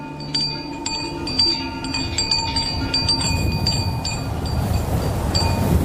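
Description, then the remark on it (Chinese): Camel bells jingle in a loose, repeated rhythm with bright ringing tones over a steady rush of strong monsoon wind; the chiming thins after a few seconds as the windy noise swells. “与此同时，一股起源于亚洲内陆的强劲季风也裹挟着驼铃声响转向东方。”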